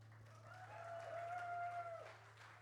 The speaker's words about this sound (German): Danke an Ton, ans Licht, an alle Helfenden. Fetter Applaus.